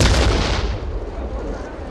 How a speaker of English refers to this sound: Whoa! What was that? Oh. That sounded like an explosion right outside.